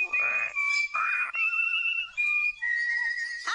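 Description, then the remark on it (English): A bird sings a whistled song of long, steady, clear notes that step between a higher and a lower pitch, carrying on without pause for several seconds with no talking over it. “Listen to the bird.”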